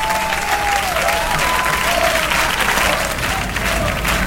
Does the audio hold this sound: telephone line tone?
no